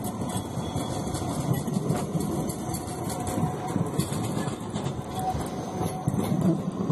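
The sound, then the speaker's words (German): A Siemens Combino tram running in Poznań, a steady rumbling roll of wheels on rails with a faint high whine on top, holding an even, moderately loud level throughout with no voices. “Neben Fahrzeugen aus einheimischer Produktion von Modatrans fahren unter anderem Siemens Combino.”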